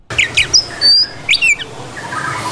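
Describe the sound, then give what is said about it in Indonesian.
A farmed white-rumped shama (murai batu) chirps, a quick run of bright varied notes and a clear sustained whistle, then softer twittering fading behind it, with no one talking. “Arman selalu membersihkan kandang setiap hari agar murai batu ternaknya tetap dalam kondisi prima.”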